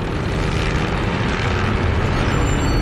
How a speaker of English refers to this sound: Aircraft fly low over the ground, getting a close look at the battle's progress.